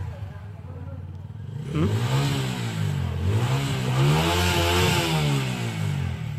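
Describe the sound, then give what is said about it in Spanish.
Motorcycle engines rev loudly, their pitch surging up and down in repeated waves after a quieter opening rumble, with several bikes gathered together idling and roaring at 1 a.m. on a weekend in the city of Coracora. “Ahí están las motos reunidos, poniéndose de acuerdo seguramente.”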